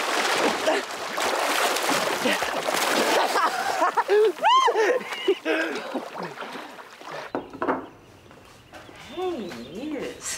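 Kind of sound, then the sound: nature, splashing in water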